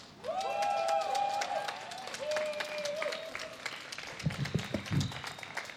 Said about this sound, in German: Und wir hören jetzt als nächstes eine Kundgebung vom AAT. Also bitte gerne einmal dicken Applaus.